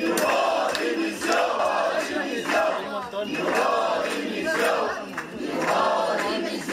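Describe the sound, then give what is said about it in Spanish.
About a hundred protesting teachers shout and chant loudly and continuously inside the Serveis Territorials de Educació buildings in Barcelona, demanding the resignation of education minister Esther Niubó; many voices overlap in rhythmic bursts with sharp accents, creating a dense, reverberant roar of protest throughout. “Inclusive un centenar acaba de entrar en los edificios del Serveis Territorials de Educació de Barcelona a gritos solicitando la dimisión de la consellera Esther Niubó.”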